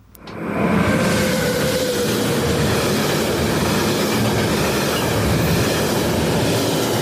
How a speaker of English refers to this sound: Must have been a train going through Yass Junction, I think. Or maybe Bowen Long or Bowning, one of those places, anyway.